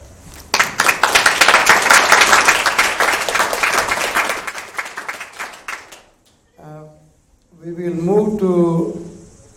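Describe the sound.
Steady audience applause for a speaker's message, with dense, rapid clapping for about five seconds that tapers off, followed by a brief pause and then a person speaking.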